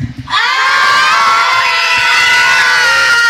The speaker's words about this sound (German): Ich habe hier gerade Besuch bekommen. Und zwar von einer Schulklasse. Wer seid ihr? Wir kommen aus der Klänzeschule und wir sind die 4CG. Und so, und wenn hier gefühlt einfach mal 200 Kinder im Studio stehen, dann klingt das wie?